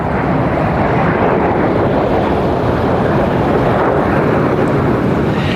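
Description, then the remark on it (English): A loud, continuous roar of fighter jets passing overhead as they head up the Hudson River trailing red and blue smoke, a dense rushing rumble that holds steady for several seconds with no voices over it. “Henry's got a great shot of this over my shoulder here, Dave, if you can hear me in the control room, of these fighter jets heading up the Hudson River and the tremendous trail of red and blue smoke right behind them.”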